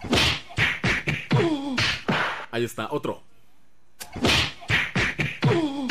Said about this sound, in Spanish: Perfecto, entonces, a ver, ¿me puedes quitar el fondo? Para que se escuchen los golpazazos en la mera panzota de puerco.